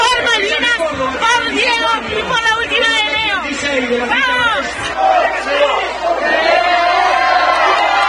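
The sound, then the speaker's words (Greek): A packed bar crowd in Buenos Aires erupts in loud, continuous applause and excited cheering after a man proposes marriage at the final whistle of a football match, with many overlapping voices shouting and chattering for the whole stretch. “Σε ένα μπαρ του Buenos Aires με το σφύριγμα της λήξης, αυτός ο άντρας έκανε πρόταση γάμου στη σύντροφό του και οι παριστάμενοι ξέσπασαν σε χειροκροτήματα.”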